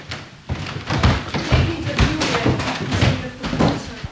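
Steady footsteps climb the old wooden stairs of a very old house, each step landing as a dull thud about every half second, with faint creaks of the boards in between, fairly loud.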